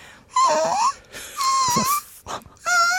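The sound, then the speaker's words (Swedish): A human voice imitates a whining puppy as a voice exercise: three high, nasal whimpers with wavering, dipping pitch, separated by short breathy pauses, with no talking. “Sen skulle jag också göra en röstövning som var att jag skulle låta som en hundvalp.”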